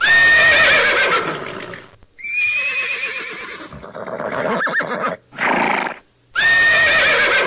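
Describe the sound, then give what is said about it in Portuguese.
A herd of young horses neighing loudly, with several shrill whinnies overlapping and returning in bursts, broken by brief gaps and some breathy snorts, with no talking. “No relincho da potrada vai começar mais um programa dedicado à cultura gaúcha.”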